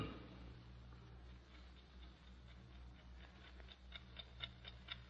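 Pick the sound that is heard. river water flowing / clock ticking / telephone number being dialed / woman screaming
clock ticking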